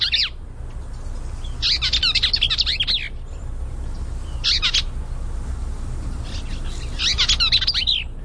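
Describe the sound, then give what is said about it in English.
A Bell's Vireo sings quick, jumbled, scratchy warbling phrases in four bursts separated by short pauses. The song is clear over a steady low background rumble, with no voices. “Number two is the Bell's Vireo.”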